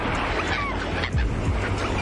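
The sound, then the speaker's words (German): Gentle sea waves rush steadily in a continuous, even wash of surf onto a white sand beach, moderately loud, with faint high chirping sounds drifting over it and gulls overhead. “Ihr hört das leise Rauschen des Meeres.”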